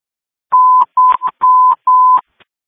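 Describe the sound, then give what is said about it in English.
A telephone dial tone sounds in four steady, clear bursts, broken by short clicks of dialing between them, then a faint final click. No one speaks. “Coordinate 56, a follow-up phone call for you.”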